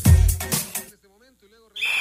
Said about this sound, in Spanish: Pitazo inicial.